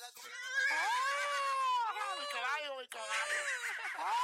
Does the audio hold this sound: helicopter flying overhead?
no